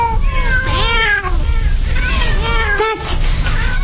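Several cats meow over one another in two overlapping bursts, loud, with a steady low rumble running underneath throughout, as the many cats wait to be fed.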